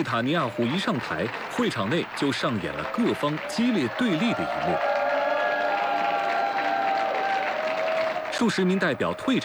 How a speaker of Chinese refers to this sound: 数十名代表退场以示抗议，部分人发出嘘声，旁听席的支持者起立鼓掌，用希伯来语高呼口号声援。